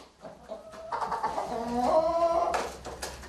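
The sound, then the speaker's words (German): Seven chickens cluck and warble, their overlapping calls building through the middle before a burst of sharper squawks near the end, with no one talking. “Eine Streubombe hat sie alle getötet. Dort im Hühnerstall.”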